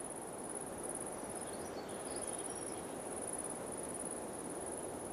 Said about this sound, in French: Le son aigu de l'insecte et quelques chants d'oiseaux diffus composent ce paysage.